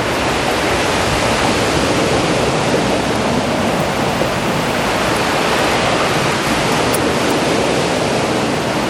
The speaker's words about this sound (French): Le vent et les vagues se mélangent. Se mélangent si bien.